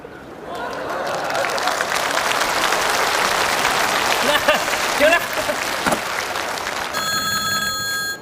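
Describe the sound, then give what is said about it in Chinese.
Steady applause and crowd noise fill the scene, and near the end a bright electronic telephone bell starts ringing over the clapping, a home telephone being called to ring three times as a signal. “俺老婆神经衰弱，她要是听不见这三声电话铃，”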